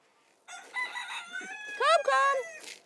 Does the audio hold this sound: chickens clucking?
yes